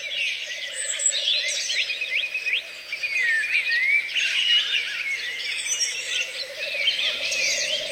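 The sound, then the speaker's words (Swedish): A dense chorus of birds singing at night in Uppland, Sweden, many overlapping whistles, trills and chirps from several directions at steady volume, with a low insect-like hum underneath and no voices. “En hel natt av fågelsång från både Sverige och Finland.”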